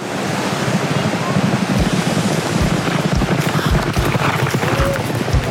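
Sea waves wash steadily onto a beach, a loud, continuous roar of surf with gusty wind noise and occasional dull low thumps underneath. No one speaks.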